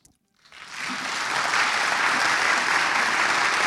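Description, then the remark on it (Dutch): Audience applause at a classical concert broadcast on NPO Klassiek radio, as the soloists walk on, swells in after a brief quiet start, building into steady, dense clapping that holds at a fairly loud, even level with no voices over it. “Het is mooi als het begeleid gaat door wat applaus.”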